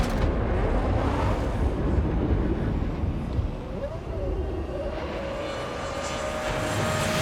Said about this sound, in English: The RB7 off like a scolding dog. A dog with a V8 engine generating 18,000 RPM strapped to the back.